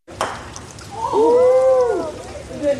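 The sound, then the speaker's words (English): A sharp knock of a mallet striking a croquet ball as a woman plays croquet at the Alaska state capitol building in Juneau, then a single man's drawn-out, rising-and-falling cheer, all over a steady hiss of falling rain on a Saturday morning. “cheers on a rainy Saturday morning as his sister hits a croquet ball at the state capitol building in Juneau.”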